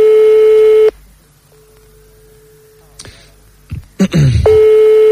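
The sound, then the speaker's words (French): A steady, mid-pitched telephone ringing tone sounds on the line in loud bursts, broken by a fainter stretch and a few clicks and clattery rustles before the tone returns. “On va tomber sur un répondeur, non?”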